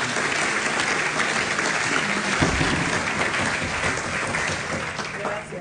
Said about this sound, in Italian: Mi fate un applauso per favore, visto che sono due signore.